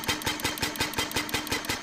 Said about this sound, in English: This is the world's very first car. Well, technically a replica. It's the Benz Patent Motor Car. The automobile was born in 1886. The creator, Carl Benz. It's more comfortable than I thought, but very, very loud.